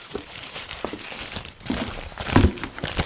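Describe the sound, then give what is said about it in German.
A crumpled paper note found in a waste bin is handled and unfolded, a run of soft crackles and rustles that swells into a louder crunch near the end, with no voices. “Hier, ich habe im Abfalleimer einen zerknüllten Zettel gefunden.”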